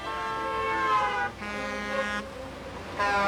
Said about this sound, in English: The cars kept speeding by and honking.